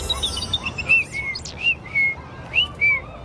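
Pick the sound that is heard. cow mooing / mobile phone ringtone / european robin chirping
european robin chirping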